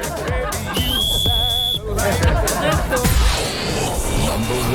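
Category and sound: signal or alarm, whistle being blown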